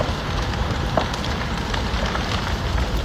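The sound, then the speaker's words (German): Flames crackle steadily with sharp little pops and snaps over a dense, roaring rush of wind-driven fire, fairly loud throughout, with no voices; a fire spreading through a residential area in the town of Drammen near Oslo, Norway. “Knisternde Flammen, die vom Wind immer weiter angetrieben werden.”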